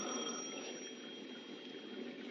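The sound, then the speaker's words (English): A telephone rings in one steady, unbroken peal with a bright, shrill tone over a faint hiss. No one speaks. “It was 6:05 when the phone rang again.”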